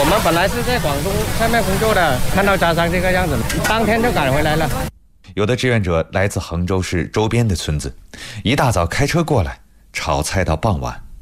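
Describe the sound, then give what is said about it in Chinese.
Loud, steady sizzling of food stir-frying in a wok, as volunteers cook boxed lunches for rescue workers and trapped people in a small square outside a beer hall in Guangzhou, fills the first few seconds beneath a talking voice, then cuts away to a person speaking in a quiet setting. “切菜、剁肉、颠勺分装，他们分工明确，一上午就能赶制出几千份盒饭。”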